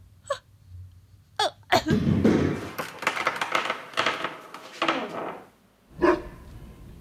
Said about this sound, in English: Yes, catch the bone, catch cutie. Oh, you are such a good dog. Yes, attaboy.